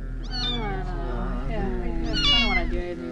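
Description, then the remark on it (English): A dying kitten meows in distress, high plaintive cries rising and falling over a few seconds, fairly loud, with a low steady hum underneath. “What's wrong with the kitten? Oh, it's dying, man.”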